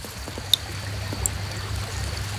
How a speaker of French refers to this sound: La rivière coule. La rivière coule paisiblement. Ici, tout est calme. La rivière est bordée d'arbres et de fougères.